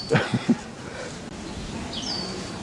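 Three loud, sharp squeaking calls from an exotic bird come in quick succession in Prenzlauer Berg, followed a moment later by a thinner, high whistling note over a low outdoor background hum.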